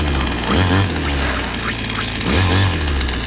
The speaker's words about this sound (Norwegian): Motorsag.